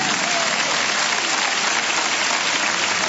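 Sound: audience clapping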